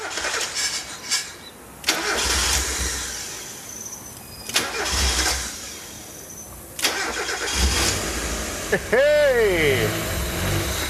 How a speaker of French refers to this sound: Ah, elle a calé. Mais le moteur marche et la pression d'huile est très bonne. Je sais pourquoi ça a calé. Il y a un débitmètre qui manque.